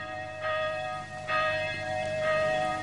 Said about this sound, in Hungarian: Hajnali misére hív a harang már.